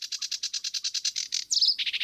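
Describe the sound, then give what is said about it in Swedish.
A sedge warbler sings out in the reeds, a fast run of repeated scratchy chirps breaking into a brief buzzy trill before the rapid chatter resumes, with no other sounds around it. “Vi har en som sitter ute i vassen här som heter sävsångare. Det är ju väldigt tacksamt att ha dem för de sjunger i princip hela sändningen.”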